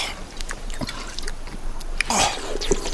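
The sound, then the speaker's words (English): Water from a canteen sloshes and splashes, with a run of small gurgles and drips, a brighter burst of pouring or swallowing midway, then a few trailing drops. “Do you have water? Yes. My canteen ran out yesterday. Oh, yeah. Here, my canteen.”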